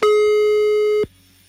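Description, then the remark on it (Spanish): A telephone line tone as a call is dialed: one steady, loud buzzing beep held for about a second before it cuts off abruptly, leaving only a faint hum. No one speaks. “Marcamos en este momento.”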